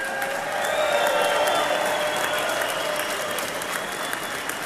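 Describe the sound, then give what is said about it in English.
A large crowd applauds steadily, a dense continuous wash of clapping with scattered cheers and whistles rising above it, sustained at an even loudness throughout, welcoming home Mission 23 of Honor Flight Syracuse. “Well, ladies and gentlemen, what a crowd to welcome home Mission 23 of Honor Flight Syracuse.”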